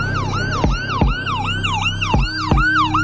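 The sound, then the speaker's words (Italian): Ambulance and emergency vehicle sirens wail loudly in quick, repeating rising-and-falling sweeps as they rush to a sandwich shop in Salisbury, England, on Sunday 4 March 2018, with a low traffic rumble and a few sharp knocks underneath. No one speaks. “Ambulanze e mezzi di soccorso accorrono a sirene spiegate nei pressi della paninoteca Gregga.”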